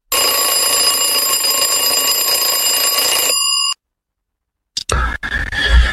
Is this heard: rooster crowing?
no